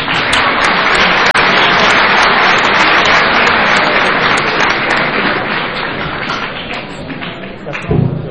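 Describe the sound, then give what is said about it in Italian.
Sustained audience applause at a Linux event in a department, welcoming the head of the department's computing centre: a dense crackle of many hands clapping at steady loudness for several seconds before tapering slightly, with a faint thump near the end. “Che vi prego di accogliere con un applauso.”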